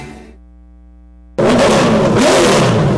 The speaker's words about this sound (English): To rev your engines, NASCAR fans. The thrill, the speed, the action.